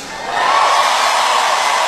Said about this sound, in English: Don't cheer, don't cheer. You need to learn some Spanish.